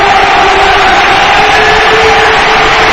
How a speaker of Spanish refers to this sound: Pues ahí está Dani Ceballos ya en el campo. La ovación de la cartuja para un futbolista en el que se tiene puesta mucha fe, mucha ilusión.